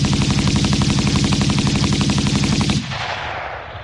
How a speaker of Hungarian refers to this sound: Állj vagy lövök! Ordította zihálva, és kibiztosította a fegyverét. Mikor a második felszólításra sem kapott választ, beleeresztette a tárat az árnyékba.